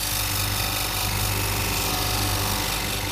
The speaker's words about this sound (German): So, da hört man jetzt, wie ein Stein geschliffen wird.